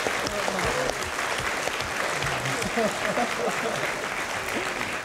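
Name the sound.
audience clapping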